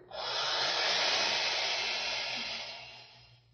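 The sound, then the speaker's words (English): An electric drill grinds steadily into the metal of a safe, a harsh, hissing whir that holds for about three seconds before tapering off. No voices. “Yeah, we gotta cut away some more. We'll never get in the safe.”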